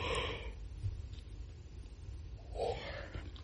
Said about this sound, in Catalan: Mira, és que ara em posaré a badallar.